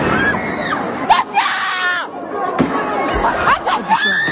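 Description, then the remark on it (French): A noisy crowd of protesting high school students shouts and screams in the street, facing police, while several sharp, loud explosions go off at irregular intervals, cutting through the continuous din of voices. “Des explosions retentissent.”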